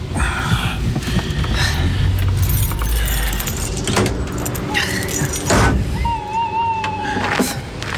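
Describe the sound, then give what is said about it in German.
A car engine rumbles as the vehicle pulls up and parks directly behind another car, coming to a stop, with metallic jangling, clunks and a brief high squeal toward the end. “Ja, parken Sie direkt hinter seinem Wagen.”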